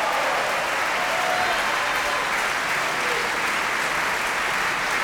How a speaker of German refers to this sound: Und dieser Applaus hat dem Haushofmeister von Johannes Silberschneider gegolten.